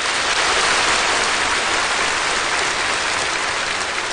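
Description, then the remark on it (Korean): Thunderous applause from a large crowd at the scene as General Secretary Xi Jinping finishes a line in a report stressing the people; a dense, steady wash of clapping that holds at full loudness for about four seconds with no voices over it. “습근평 총서기가 이 말을 끝내자 현장에서는 우려와 같은 박수 소리가 터져나왔습니다.”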